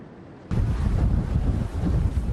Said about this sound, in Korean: 거칠어진 파도가 심상치 않습니다. 1시에 떨어질지 2시에 떨어질지는 확실히 모르겠구만. 파도가 많이 높아지면은 이따 조기 철수하자고.